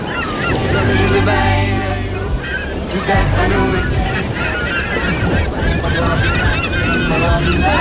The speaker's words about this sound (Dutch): Dus de vraag is, wie horen wij in de golven voorbij komen? Luister aandachtig.